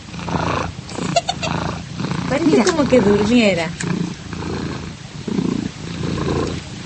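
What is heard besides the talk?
cat purring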